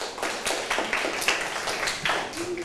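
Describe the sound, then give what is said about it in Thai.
Children clap together for a classmate who correctly named the rays forming an angle, a steady, even rhythm of sharp, bright claps at a moderate level lasting a few seconds with no talking over them. “เพื่อนตอบว่ารังสีองอและรังสีอกอเป็นคำตอบที่ถูกต้องปรบมือให้เพื่อนหน่อยค่ะ”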